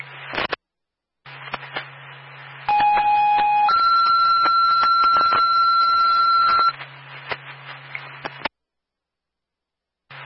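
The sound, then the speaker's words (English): Fire dispatch alert tones for Ackworth, sending an engine to an activated CO detector on Ginter Road: a steady lower tone for about a second, then a higher tone held for roughly three seconds, over crackling radio static and a low hum, with brief dead air before and after. “Tones are for Ackworth, GD, automatic with an engine.”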